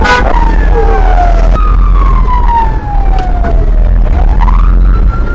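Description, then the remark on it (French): Loud sirens of fire trucks from the police and civil protection wail at a fire at Kinama market in northern Bujumbura, long sweeping tones rising and falling, overlapping one another above a constant low rumble of engines and street noise, with no talking. “On y voit des camions extincteurs de la police et de la protection civile, ainsi ceux de la Croix-Rouge se relayent pour intervenir.”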